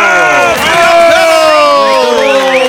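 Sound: crowd cheering and applause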